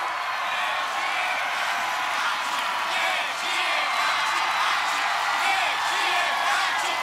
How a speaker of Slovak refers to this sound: Prečo tí ľudia tak kričia?